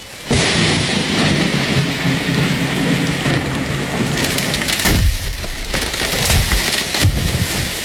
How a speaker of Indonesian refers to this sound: Eh, kalian dengar suara pohon tumbang nggak? Iya. Firasatku jadi nggak enak.